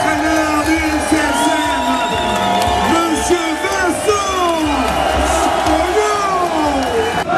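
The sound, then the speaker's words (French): A large crowd roars and cheers continuously as football players arrive, giving a huge ovation, with overlapping whoops, shouts and yells forming a loud, sustained ovation for the whole stretch. “Et puis vient le moment tant attendu, l'arrivée des joueurs. Avec au milieu une immense ovation pour l'un des artisans de la montée.”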